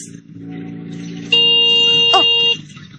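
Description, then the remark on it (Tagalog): A single loud, sustained car horn blast lasting about a second, rising abruptly over a low engine rumble and fading back to traffic noise. “Ay, sige, busina.”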